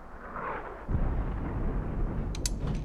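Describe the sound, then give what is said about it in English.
Mortar shells explode in a deep, rolling rumble, a heavy boom landing about a second in and thundering on, with a brief sharp crackle near the end. No one speaks. “Mortar shells.”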